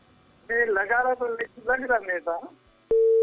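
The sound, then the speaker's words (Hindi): A voice talks briefly, then a steady, loud telephone line tone cuts in abruptly near the end and holds without a break, as a dropped caller's phone call to a radio programme is reconnected. “Hello, हाँ जी, आपका phone cut गया तो हमने सोचा कि फिर से आप लगाएंगे लेकिन आपने लगाया ही नहीं।”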